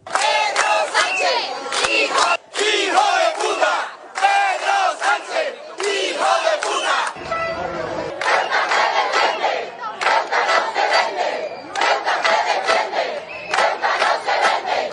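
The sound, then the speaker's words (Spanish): A crowd of residents at the Pfister barracks in Ceuta shouts a rhythmic chant in unison at Pedro Sánchez, "Ceuta no se vende", loud and sustained, the phrases repeating in bursts with brief breaks between them. “y los vecinos ya han ido hasta ahí y le dedicaban a Pedro Sánchez pues gritos como estos.”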